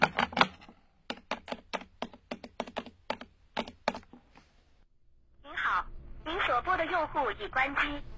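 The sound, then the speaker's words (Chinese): A quick run of about fifteen sharp clicks of a mobile phone's keypad being dialed to call a fellow teacher's mobile, followed by a burst of warbling electronic tones from the handset. “没人接，我打他手机看看。”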